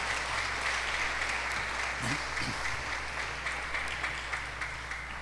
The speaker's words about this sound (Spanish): Un aplauso